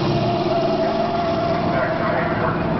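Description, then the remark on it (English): A car braking with its anti-lock brakes engaging, heard as a steady, dense roar of engine and road noise with a sustained mid-pitched hum, holding an even loudness throughout. “Okay, let's try it again, this time with the anti-lock brakes. ABS reacting.”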